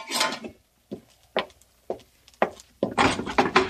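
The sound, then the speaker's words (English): A wooden door being opened: a few sharp wooden clunks and thumps spaced out, then a longer rough scrape as it swings, with no voices. “Open this door for me.”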